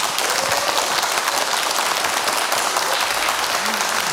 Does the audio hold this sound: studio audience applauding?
yes